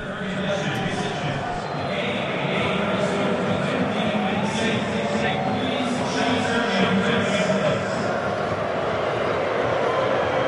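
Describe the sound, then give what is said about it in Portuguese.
A stadium loudspeaker announcement booms with heavy echo, its words smeared and hard to make out, announcing that the players' entry is being delayed because of a lightning storm, over a steady, dense wash of crowd noise with booing that runs throughout. “O som veio com muito eco do alto-falante, não veio diretamente do alto-falante.”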